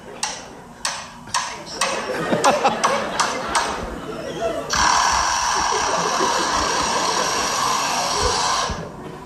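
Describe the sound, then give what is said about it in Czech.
A lyrebird at a zoo, whose aviary had been repaired over a few days, mimics the construction machinery each morning: a run of sharp, irregular hammer-like taps and clicks, then a steady, loud electric whirring like a power screwdriver that holds for several seconds before cutting off. “Konkrétně je ukázka z jedné zoologické zahrady, kde pár dnů opravovali tomu Lirochvostovi voliéru. A po té opravě si ten Lirochvost každý ráno takto prospěvoval.”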